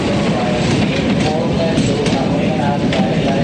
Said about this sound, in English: A train travels through snowy mountains. Passengers eagerly lean out the windows.